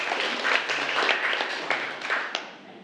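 people clapping hands

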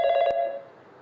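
telephone ringing

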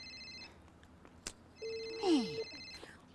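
telephone ringing

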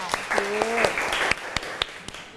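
classroom applause

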